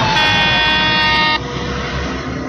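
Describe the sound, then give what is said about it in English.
A truck's horn blares in one loud, steady blast over heavy engine rumble as the truck bears down on people in the road without stopping, cutting off after about a second and a half while the low roar of the vehicle continues. “Hey, stop. Stop the truck. He's not stopping. He's gonna hit us.”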